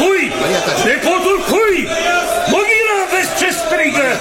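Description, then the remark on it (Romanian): A crowd of many voices shouts and chants at once, calling out whom they choose as ruler, some for Bogdan, not all shouting the same name; loud and continuous, with overlapping rising and falling cries that swell in repeated waves. “Nu strigă toți la fel!”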